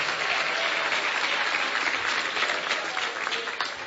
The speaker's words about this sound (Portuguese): Vamos receber o servo do Senhor com palmas para Jesus. É palmas para Jesus, palmas para Jesus. Pode louvar a Deus.